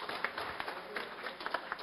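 A crowd applauds an honoree at a Vai-Vai samba school tribute ceremony, with steady, irregular clapping, a soft wash of many hands with a few sharper claps poking through. No one speaks over it.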